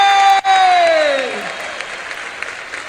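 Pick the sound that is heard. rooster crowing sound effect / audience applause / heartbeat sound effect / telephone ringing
audience applause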